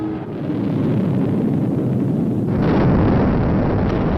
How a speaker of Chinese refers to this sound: 点火20多秒以后，就在眼见的那个范围里头，离得发射场不远的地方就爆炸了。